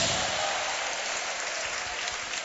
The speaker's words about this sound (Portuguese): A senhora, pode aplaudir a Jesus, pode dar glória a Deus.